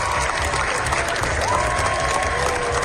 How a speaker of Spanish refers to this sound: Los 20 minutos de aplausos que se llevaron ayer los Javis en Cannes. La bola negra cogió impulso en la carrera por la Palma de Oro. Es la ovación más larga de lo que llevamos del certamen